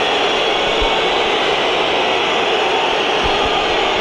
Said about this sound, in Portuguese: Entra em campo Rafael Leão e é um gordo e assobios para um jogador que saiu a mal com o Sporting em 2018, com 19 anos, e é agora altamente assobiado Rita na entrada em campo no segundo tempo.